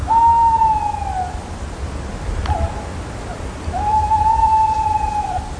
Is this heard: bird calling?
yes